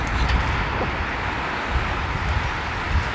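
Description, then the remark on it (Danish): Sea waves breaking on a beach at the water's edge, right beside where the listeners stand, make a steady, full rushing roar with faint swells in loudness and no clear separate crashes. No one speaks. “Ej, det er jo bare så dejligt at kunne høre bølgernes brus, der lige her ved siden af, hvor vi står nærmest.”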